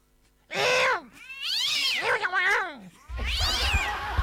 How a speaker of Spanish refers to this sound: Se agarraron a pelear los gatos en el techo.